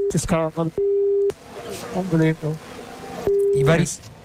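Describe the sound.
Formula 1 driver Verstappen talks over crackly team radio, saying he is stuck in the gravel after going off at Stowe and the car is undrivable, cut by two steady mid-pitched censorship bleeps, one about half a second long and a second shorter one near the end.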